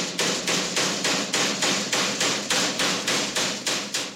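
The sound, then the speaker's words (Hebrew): A rapid, steady series of about a dozen loud strikes from a special hammer, breaking something in a radio studio, evenly spaced, with no voices. “איזה פטיש זה?”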